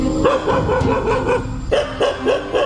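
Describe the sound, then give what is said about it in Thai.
A stray dog barks in a rapid, steady series of sharp yaps, loud, with a short pause midway before the barking resumes. No one speaks. “สุนัขจรจัดปัญหาเรื้อรังในสังคมที่สะท้อนคุณภาพชีวิตสุนัขและการจัดการของคน”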